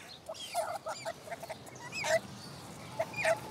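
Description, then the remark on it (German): An injured, hand-raised young stork gives a run of short, squeaky begging calls in quick irregular bursts while being fed fish and chicks, fairly loud, with brief pauses between clusters and no one speaking. “Er hat Hunger, Gott sei Dank. Das ist unser kleiner Unglücksstorch, leider Gottes.”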